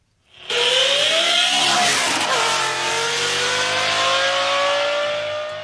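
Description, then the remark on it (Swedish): A red Volvo 245 fitted with a Lamborghini engine accelerates with a powerful, roaring engine, its pitch climbing sharply before settling into a loud, steady drone as it drives on roads in central Sweden, with no talking. “Vi ska nämligen prata med en man nu som har satt in en Lamborghini-motor i sin Volvo 245.”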